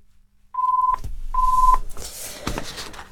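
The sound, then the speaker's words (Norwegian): Two short, steady electronic telephone tones sound one after another with a brief gap, like a line dialing and ringing, followed by soft rustling and handling noise. No one speaks. “Da ringer det her.”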